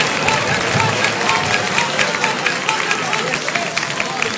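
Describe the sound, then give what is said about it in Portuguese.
A church audience claps steadily and loudly in praise to Jesus, a dense wash of many hands with no pauses and faint voices mixed in, holding an even level for the whole stretch. “Mais palma para Jesus, igreja.”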